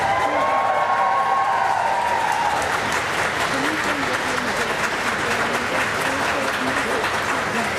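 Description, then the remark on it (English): A crowd cheers and applauds loudly and steadily inside the grounds of the Foreign Office compound, which faces Downing Street, as two men shake hands; a dense wash of clapping and whoops with a few raised voices and whistles rising above the roar throughout. “That cheer, I should say, that has come from behind where we're standing, inside the grounds of the Foreign Office in its own compound, which faces Downing Street here.”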